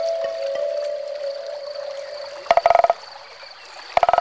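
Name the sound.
frog croaking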